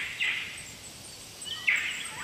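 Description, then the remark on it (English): Two short, harsh calls of a palm cockatoo (great black cockatoo) ring out about a second and a half apart in a rainforest, over a steady hum of insects and faint high background chirps. “The cockatoo native to this rainforest is the palm cockatoo, also known as the great black cockatoo.”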